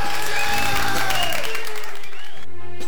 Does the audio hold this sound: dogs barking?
no